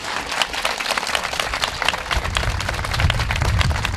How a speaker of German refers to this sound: Und da bitte ich mal um richtig nochmal Applaus.